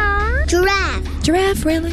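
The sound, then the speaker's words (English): A child's voice mimics a cat, giving three quick, high-pitched meows in succession, fairly loud, with a faint low hum underneath. “Dog. Cat.”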